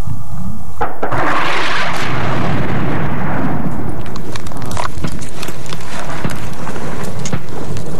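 An explosion as a Saudi enemy aircraft is downed over the Al-Labnat front: a sudden loud blast, followed by a long, heavy rumbling roar peppered with sharp crackles and pops as it slowly fades. No one speaks.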